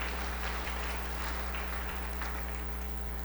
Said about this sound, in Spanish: También a los hermanos del coro, la pastoral de niños, fuertes los aplausos a los catequistas.